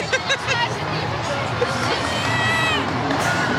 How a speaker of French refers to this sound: qu'on a du mal à entendre parce que sa voix est couverte par la foule.